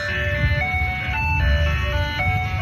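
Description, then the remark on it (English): A tinny, music-box style ice cream truck jingle plays a bright stepping melody over a low rumbling engine idle, steady, with no voices. “Daniel Neely is an American ethnomusicologist who has studied the history of ice cream truck music.”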